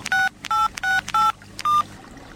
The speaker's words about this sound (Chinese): 想到这儿，他拨通了电话。